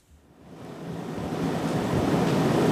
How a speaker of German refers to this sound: In einem Schulungsraum des Kölner Uniklinikums rattert die Klimaanlage. Die vielen Hochgeschwindigkeitsrechner müssen gekühlt werden.